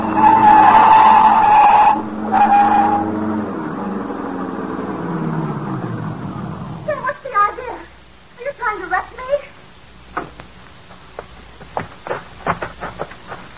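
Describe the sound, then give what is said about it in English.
A car's tires screech loudly in a long skid as the engine roars and winds down, followed by a series of bumps, rattles and sharp knocks as the car is run off the road into a ditch. “Now, run her off in the ditch.”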